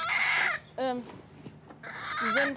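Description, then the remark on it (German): A hen protecting her eggs gives loud, harsh alarm calls: a raspy squawk, a brief pause with a quieter warbling cackle, then another long, strident squawk, with no voices. “Sie will jetzt ihre Eier natürlich beschützen, deswegen macht sie jetzt hier einen Alarm.”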